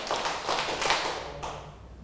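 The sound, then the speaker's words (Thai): A handful of ragged hand claps from several people in a group singing practice, clapping on cue once, twice, three times and four times, bunched into three or four loose bursts that never quite land together, then trailing off into a quiet murmur. “ต่อไปเราจะมาฝึกร้องกันในกลุ่มไหนพร้อมแล้วปรบมือ1ครั้ง2ครั้ง3ครั้ง4ครั้ง”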